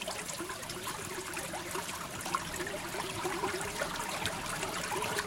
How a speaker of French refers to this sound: Oh, c'est un petit ruisseau, hein?